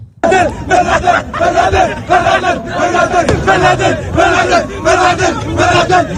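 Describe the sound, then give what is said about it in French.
A large crowd chants slogans in loud, rhythmic bursts, voices rising together in repeated shouted phrases with excited cries of joy mixed in, steady and energetic throughout, at celebrations that turned into riots. “Les célébrations qui se sont transformées en émeutes nous ont aussi permis d'entendre le meilleur des slogans et des cris de joie avec des retenues, disons, contrastées.”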